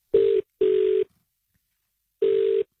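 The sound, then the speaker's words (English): A phone line ringback tone during an outgoing call to colleagues: a steady, buzzy mid-pitched double ring, two quick bursts, then a pause before the next pair starts. No voices are heard. “As we call your colleagues,”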